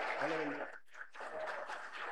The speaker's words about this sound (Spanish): Lo vamos a recibir con fuerte aplauso para Cristo Jesús.